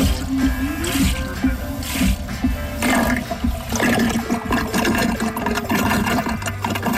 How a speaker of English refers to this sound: And we just push the pump here. And you can see it takes about, this is a 5 gallon bucket, and it takes about 30 seconds for the thing to draw down the 5 gallons. So about 10 gallons a minute.